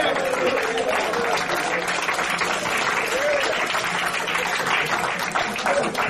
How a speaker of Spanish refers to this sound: Le palmas a ese Dios que vive.